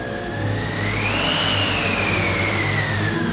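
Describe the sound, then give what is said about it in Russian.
A car engine runs steadily, its whine rising in pitch as it revs up, then holding a sustained, droning hum with no voices present. “Золушка входит в автомобиль.”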